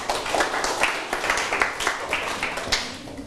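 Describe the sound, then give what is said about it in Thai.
A burst of applause from a small group of students in a class clapping for themselves, many hands clapping together in a steady, dense patter that carries on for a few seconds at moderate loudness with no talking over it. “เก่งมากๆค่ะนักเรียนปรบมือให้ตัวเองหน่อยค่ะ”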